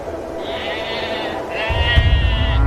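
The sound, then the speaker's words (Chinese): Sheep, thin livestock on the Urat grassland north of the Wuliangsuhai basin, bleat in two long, wavering calls, one after another, over a steady outdoor rumble that grows heavier near the end. “瘦骨嶙峋的牛羊靠着草料勉强生存”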